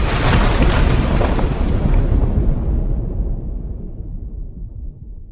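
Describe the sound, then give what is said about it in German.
A loud, continuous roar of 1.2 million litres of North Sea water gushing in through an opened sluice and flooding a lounge, a dense rushing torrent that holds steady for a few seconds, then loses its hiss and settles into a lower rumble. “Der ganze Aufenthaltsraum ist geflutet.”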